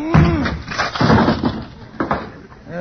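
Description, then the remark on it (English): A wooden closet door is smashed apart by someone trapped inside ramming it with his head, a run of loud, splintering crashes and cracks over a few seconds, with brief vocal sounds at the start and end. “I used my head on the last one.”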